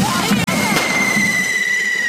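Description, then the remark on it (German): Firecrackers crackle and bang loudly in a dense burst at a fire run on an island, while a sustained high whistling squeal rings over the noise. “Es kracht und explodiert an allen Ecken und Enden.”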